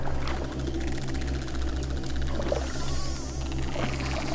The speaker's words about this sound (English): But when they hunt, it's all about the clicks. The pod emits a stream of clicks as they roam the depths.